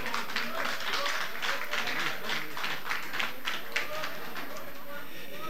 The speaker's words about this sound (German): Applaus, liebe Leute.